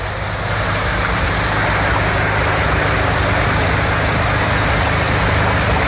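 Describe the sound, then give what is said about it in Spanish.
Water pumps drone steadily while draining floodwater from garages and industrial buildings in Madrid after heavy rain, a loud motor hum layered with a constant rushing, hissing wash of water. No voices are heard. “Y esta tarde, del sonido de la lluvia de ayer a esta mañana, el sonido de las bombas intentando achicar agua de garajes y naves industriales.”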